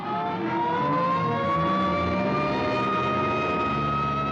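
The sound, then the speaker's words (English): A city hospital ambulance siren winds upward in a long, steady wail over a rumbling vehicle engine, loud, with no voices. “Hey, here comes an ambulance out.”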